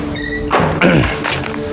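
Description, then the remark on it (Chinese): A door opens with a soft thunk of the latch and a brief creak as someone enters without knocking, followed by a couple of dull knocks, over a faint steady hum. “怎么进来也不敲门，也没规矩。”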